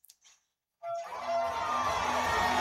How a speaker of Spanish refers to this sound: Y la multitud aplaudiendo, gritando, en fin.